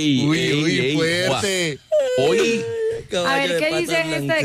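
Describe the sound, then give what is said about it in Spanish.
A person imitates a horse's neigh with shaky, wavering vocal whinnies in three loud bursts, the pitch sliding and trembling, mixed with short exclamations. “¿A qué relincho, qué oso? Óigame, estamos aquí desde entusiasmo. ¿Qué con es eso? El relincho del caballo.”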